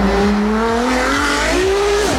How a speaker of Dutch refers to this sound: Veel elektrische sportauto's zijn uitgerust met nepgeluidjes, zodat ze klinken als een echte racewagen. Een beetje zo.